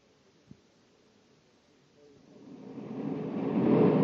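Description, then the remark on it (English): A deep, roaring rumble of a spaceship coming in to land swells steadily from quiet to loud over a couple of seconds, with no voices over it. “Corey's landing right where I figured he would.”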